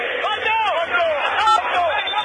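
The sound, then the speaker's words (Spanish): A dense stadium crowd of River fans shouting together during a match, a steady, loud roar of many voices with rising and falling cries swelling through it, and no single speaker standing out. “Grita el pueblo de River”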